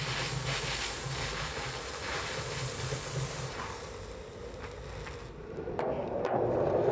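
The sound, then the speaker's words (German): Steam hisses steadily from all four valves of a model steam locomotive running slowly to clear out condensed water. The hiss is continuous over a low rhythmic mechanical rumble; near the end it turns rougher and louder. “Deswegen mache ich das jetzt mit durch langsam oder ja, langsam Fahrt, bis aus allen vier Ventilen der Dampf rausströmt.”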